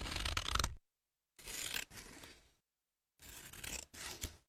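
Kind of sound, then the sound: household object, scissors cutting paper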